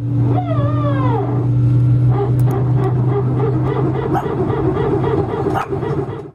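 A steady, loud airplane engine drone with a falling whine at the start, then a dog barking repeatedly in an uneven rhythm over the continuing hum, reacting to the plane.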